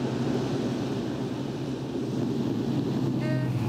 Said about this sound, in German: Trecker. Vielleicht nimmt er uns mit. Das ist vielleicht die falsche Seite. Hält er an?